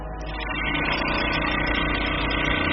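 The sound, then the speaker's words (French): A bead mill tissue lyser, rapidly shaking small beads inside to break up and powder tissue samples for DNA extraction, runs with a steady, loud mechanical drone, a dense buzzing rattle with a low hum underneath, holding constant throughout without any voices. “Donc en fait, ça va agiter très rapidement avec des petites billes à l'intérieur et donc ça va permettre de déstructurer le tissu.”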